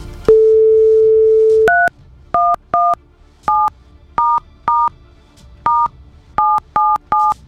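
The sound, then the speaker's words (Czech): A steady telephone tone hums for about a second, then a quick series of about eleven two-pitched telephone keypad beeps follows as a number is dialed, loud with no voices. “Takhle ne, se musím domluvit teď s tím telefonem nejdříve. Teď se nám celý zablokoval.”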